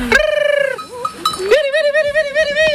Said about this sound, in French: Les 75 brebis le talonnent, elles sont pressées d'arriver au pâturage.